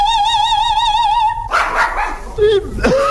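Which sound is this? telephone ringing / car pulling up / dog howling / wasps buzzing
dog howling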